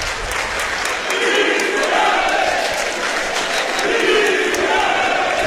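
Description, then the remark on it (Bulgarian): A large stadium crowd at a CSKA versus Arda football match chants the name of Hristo Yanev in unison, loud and sustained, with rhythmic clapping punctuating the chant in a steady beat over a dense roar of voices. “Отново скандират името на Христо Янев.”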